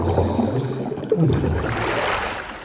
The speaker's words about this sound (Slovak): Nepočujem vás dobre, lebo mi v ušiach zaľahlo. No, boli sme pod vodou. Teraz už som sa síce vynorila a niekde vedľa mňa by sa o chvíľu mala vynoriť aj naša majsterka zvuku, ktorá kdesi pod hladinou chytá môj hlas a asi aj hlasy rýb